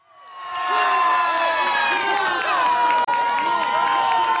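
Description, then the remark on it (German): Football fans in Urca, a neighbourhood below Sugarloaf Mountain in Rio de Janeiro, Brazil, erupt in sustained, loud cheering and high-pitched screaming at the 1:0 goal against Haiti in a World Cup match. The noise swells within the first second and stays intense throughout, with a brief cut near the end. “Das 1:0 gegen Haiti wird in Urca, einem Viertel unter dem Zuckerhut von Rio de Janeiro, gefeiert, als sei es schon der Einzug in die K.O.-Runde”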